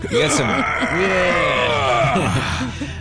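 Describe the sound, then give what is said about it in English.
A voice imitates weightlifters at a gym groaning and straining, a loud, continuous run of rising and falling grunts and strained moans lasting about three seconds, with no words spoken. “They say that they are plagued by the sounds of heavy weights dropping, metal equipment clanging, and weightlifters groaning, yelling, and struggling.”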